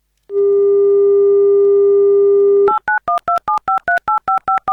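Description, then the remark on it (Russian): A steady telephone dial tone hums for a couple of seconds, then gives way to a quick series of about ten crisp, evenly spaced touch-tone beeps as an Avtoradio radio host dials a listener's phone number, with no talking. “Давайте позвоним.”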